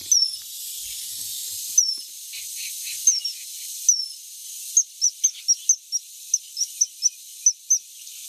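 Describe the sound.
Whistled imitation of a great tit call: a few sparse, thin high notes, then a quick series of short repeated peeps, all over a steady airy hiss with no talking.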